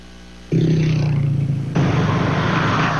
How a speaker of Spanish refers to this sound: Continuamos desde el recorrido desarrollado por el estado La Guaira, y específicamente nos encontramos en la autopista que conecta el ingreso a La Guaira. Específicamente a esta hora hay poco flujo vehicular, disminuye, digamos, por las horas,